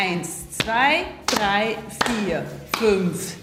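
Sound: rhythmic hand clapping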